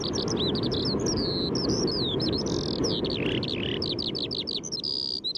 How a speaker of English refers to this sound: it seems as if it never stops, because it doesn't really. It is chains of metal and note continuously and slung together, and it falls. It feels like being in a shower of beauty standing underneath the skylark.